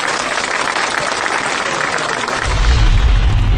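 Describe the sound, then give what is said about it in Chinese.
A classroom of students claps together in dense, steady applause that lasts the whole few seconds, with no one speaking; a low rumble joins in toward the end. The students applaud themselves for improving their recitation. “哎，让我们为自己鼓鼓掌吧，好不好？”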